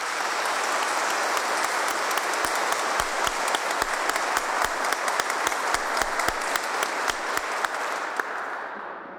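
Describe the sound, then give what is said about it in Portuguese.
A community crowd applauds steadily for about nine seconds for Venezuelan teenagers making their singing debut, a dense wash of many hands clapping with sharper individual claps popping out, fading slightly at the very end. No one speaks. “Então, se eles estão fazendo bonito nessa estreia, uma salva de palmas.”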